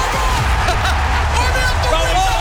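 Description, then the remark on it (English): A large crowd at an Adelaide Crows AFL finals match in September roars in a steady, dense wall of cheering and shouting, loud and continuous throughout with scattered whoops rising above the din. “It's September, and as the mighty Adelaide Crows roll into finals, the crowd in raptures.”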